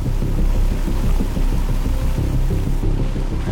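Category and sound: nature, rain falling outside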